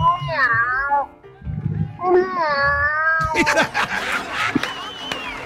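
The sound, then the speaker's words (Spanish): A voice imitates a cat with two drawn-out, wavering meows, fairly loud, followed by a burst of noisy, scuffling sounds in the last couple of seconds. “Vamos con más imitaciones de gatos.”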